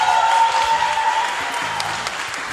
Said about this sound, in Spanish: Nuevamente el aplauso.